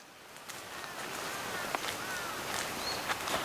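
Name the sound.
birdsong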